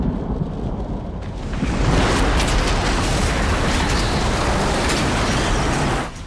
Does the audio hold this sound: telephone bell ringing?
no